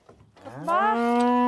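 A Galloway cow gives a single drawn-out moo, starting low and rising into a loud, steady harmonic bellow that holds for about a second, preceded by faint rustling. It is one of 40 to 50 Galloway cattle taken to spend the summer on the island of Lürsand.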